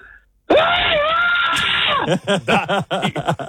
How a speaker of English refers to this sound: Proceeds to give us one of the best screams we've had so far.